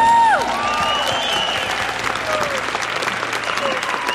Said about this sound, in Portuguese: Dê uma salva de palmas ao nosso Senhor.